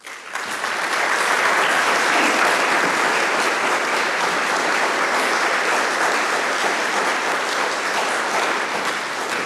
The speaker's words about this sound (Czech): 5+1, to je nástrojová sestava, která je tu právě teď s námi a prosím, abychom ji přivítali potleskem.